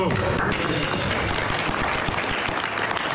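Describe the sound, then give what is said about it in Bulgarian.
Sustained applause from a sizable crowd at the Palace of Versailles after US President Donald Trump signed a memorandum ending hostilities with Iran before the President of France, a dense, steady wash of many hands clapping, with some voices murmuring underneath. “Последваха аплодисменти.”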